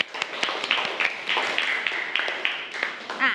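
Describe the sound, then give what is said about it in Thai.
Students clap for a classmate in a steady, dense patter of applause for a few seconds, with faint voices and a little cheering mixed in. “โอเคครับปรบมือให้เพื่อนหน่อย”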